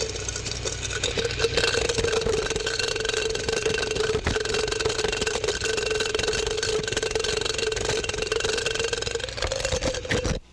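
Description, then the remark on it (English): A steady, unbroken droning hum of the wingbeats of an underwing moth with a 4.5-inch wing spread, a mid-pitched buzz over a low rumbling undertone, holding even loudness for about ten seconds before cutting off abruptly. “Here is an underwing moth with a 4.5-inch wing spread.”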